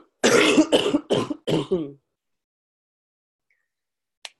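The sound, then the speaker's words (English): A loud fit of coughing: about five harsh bursts in quick succession, then silence broken only by a tiny click near the end. “Excuse me, I just have to cough again.”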